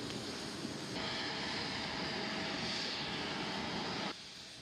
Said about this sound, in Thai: จากนั้นเสด็จพระราชดำเนินโดยเครื่องบินพระที่นั่งของบริษัทการบินไทยจำกัดมหาชนเที่ยวบินที่ TG8887 ออกจากท่าอากาศยานตูลูสบลันยัก